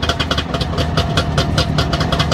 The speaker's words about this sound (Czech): Dvojtakt. Trabantík. To je vozidlo.